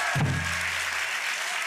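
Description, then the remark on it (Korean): Steady, dense audience applause fills the whole moment, with a single low thump near the start whose tone rings out and fades over about a second. “박수를 쳐주실 거면 조금 더 크게 쳐주시면 좋겠습니다.”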